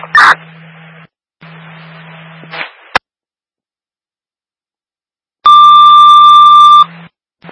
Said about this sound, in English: Allegheny County air, testing 3-4 QRS tones, test only 856.